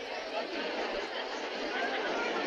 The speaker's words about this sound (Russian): Трибуны под завязку заполнены болельщиками. В воздухе стоит ровный, ни с чем не сравнимый гул человеческих голосов.